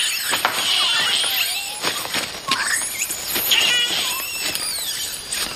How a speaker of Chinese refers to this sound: 这群吵闹的猴子却不这么想。